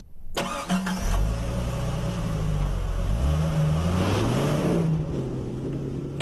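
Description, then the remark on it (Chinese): A car engine hums and accelerates as the car drives forward at 30 km/h past a row of parked cars in a braking test, its pitch climbing and dipping. Road and engine noise stay loud throughout, with a few clunks at the start and no talking. “待会儿呢，我开着这辆车会以每小时30公里的速度往前开过去。”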